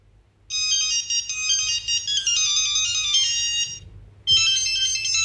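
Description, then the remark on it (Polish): A shrill, tinny Siemens S35 mobile phone ringtone plays a rapid high-pitched electronic melody through the phone's small speaker for over three seconds, pauses briefly, then starts again. No one speaks. “I tak brzmiał S35 jak i C35, to ten głośniczek mniej więcej tak samo piszczał.”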